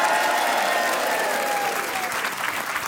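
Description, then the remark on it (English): A live audience at the Spiegel Tent at the Edinburgh Festival applauds steadily during a BBC Radio Scotland broadcast, a dense wash of clapping at an even, fairly loud level that barely wavers, with a faint whistle or cheer gliding through the middle. “It's Grant Stott here live from the Edinburgh Festival at the Spiegel Tent with a lovely live audience.”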